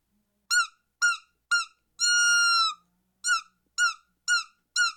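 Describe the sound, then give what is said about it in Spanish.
A buteo hawk screeches in loud, high, harsh bursts: three short cries, one long sustained scream, then four more short cries in a steady rhythm, with no talking. “Sí, vamos a escuchar el chillido de un ave rapaz que generalmente son las buteos, uh-huh, que son águilas rapazes.”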